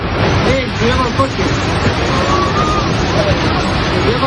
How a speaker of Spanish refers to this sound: El sonido de la localidad de Manzanedo de Valdueza, cerca de Ponferrada, donde las fuertes corrientes de agua que han asolado las calles del pueblo arrastraban incluso vehículos,